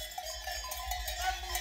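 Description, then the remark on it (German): Several cowbells clank and jangle together in an irregular, overlapping rhythm, a busy metallic ringing from a herd of cows being driven up a mountain by mountain farmers, with no voices. “Die Bergbauern treiben die Kühe noch hoch.”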